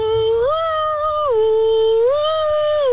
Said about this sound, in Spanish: Y así suena mi camión de bomberos. A ver.